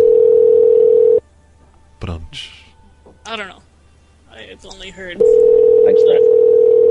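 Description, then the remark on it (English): A loud, steady telephone dial tone hums for about a second, cuts out while a few voices speak briefly, then returns just as loud and continuous to the end. “Thanks, someone, for calling and making a phone ring at us.”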